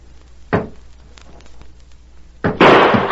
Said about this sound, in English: There. I fired point blank at that door. You can see where the bullet went through it.